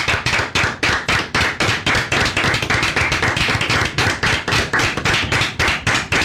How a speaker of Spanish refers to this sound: Muy bien, señores, de pie. Y un aplauso, por favor. Sí, aplausos.